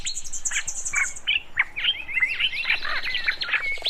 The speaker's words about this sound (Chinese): 就被鸟叫声吵醒。